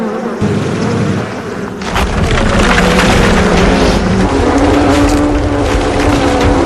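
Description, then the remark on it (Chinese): A dense, loud drone of angry honeybees swarming to attack a mother American black bear raiding their hive for honeycomb, many overlapping wingbeats forming a thick, agitated hum that swells after a brief dip and stays intense throughout, with no voices. “蜜蜂们凶猛出击，但美洲黑熊妈妈的皮毛非常厚，她只需要抖掉身上的蜜蜂就好。”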